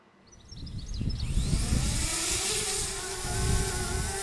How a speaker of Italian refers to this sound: Questo è il drone Sentinella. Dietro di noi abbiamo invece un drone più grande, insomma, a cosa serve questo?